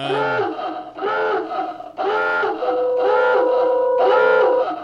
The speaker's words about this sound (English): That's a foghorn.